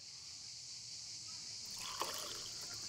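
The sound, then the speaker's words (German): Over a faint steady hiss, pastis, about 2 cl, starts pouring into a glass about halfway through, a soft trickling splash with a small clink near its start. “Der große Moment. Zuerst den Pastis.”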